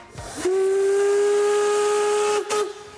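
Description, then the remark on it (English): A historic narrow-gauge steam locomotive whistle sounds one long, loud, steady blast over rushing steam hiss, then gives a brief second toot at the end, on the narrow-gauge railway in the Harz Mountains that runs up to the Brocken in the national park. No one speaks. “The historic steam locomotives are a tourist attraction in the Harz Mountains.”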